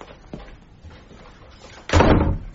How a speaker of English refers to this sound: Close the door, will you